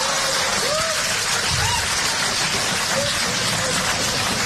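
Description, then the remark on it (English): An audience applauds the mention of a 25th wedding anniversary, a dense, even wash of clapping that holds at full strength for the whole stretch, with a few faint voices rising briefly through it. “I don't know why you're applauding.”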